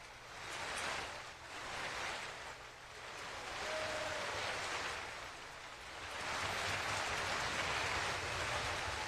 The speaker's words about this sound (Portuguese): Público de pé, aplaudindo a performance da escola Bárbara Galante e também da Orquestra de Minas Gerais, sob a regência do maestro Fábio Mechetti.